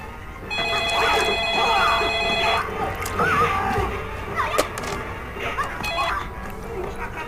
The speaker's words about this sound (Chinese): 我来电话。